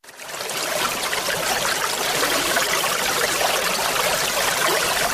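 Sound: flowing water stream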